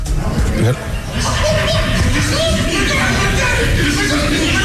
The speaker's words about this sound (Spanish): señores, estamos aquí transmitiendo en vivo y hay unos vatos ahí hablando, gritando, ¿eh? Vamos a hacerles la competencia. Escuchen, escúchenlos.